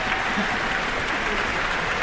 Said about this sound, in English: You just heard the Rhapsody on the Theme of Paganini by Sergei Rachmaninoff, a performance by the Pittsburgh Symphony, music director Manfred Honeck, and the young man for whom the cheers we just heard are for, Song Jin Cho, the soloist.